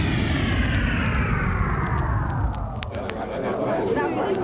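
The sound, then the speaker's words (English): A loud aircraft engine roars steadily while its high whine slowly glides downward over a deep continuous rumble, as a robot plane accompanies six spaceships to a soft landing on the lawn surrounding the Washington Monument in Washington, United States. “And on the lawn surrounding the Washington Monument in the capital city of the United States, the robot plane accompanies six magnificent ships to a soft landing.”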